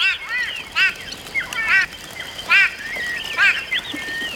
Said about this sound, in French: Surpris, tous les oiseaux de la mare s'envolent. Écoute, tu entends le vol des oiseaux ?